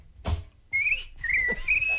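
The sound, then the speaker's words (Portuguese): A person whistles an imitation of a little bird: three high, warbling phrases that slide up and down, following a brief breathy burst, with no talking. “Agora o passarinho.”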